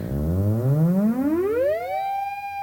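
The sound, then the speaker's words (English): As fingers move in toward the antenna from about a foot away, an antenna oscillator's pulses quicken from a low buzz into a rising, harmonic-rich whine, then settle into a steady, continuous high tone. It is loud throughout, with no voices. “So in order to get that sound, I'm having to hold my fingers at about a foot away from the antenna, but as I approach it, it'll get much faster and you'll hear those bup, bup, bup, bup, bup repetitions turn into like a continuous tone.”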